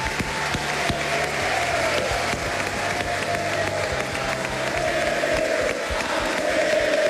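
Sustained applause from an audience, a dense, steady wash of clapping hands with some crowd noise and faint cheering mixed in, holding at an even loud level throughout.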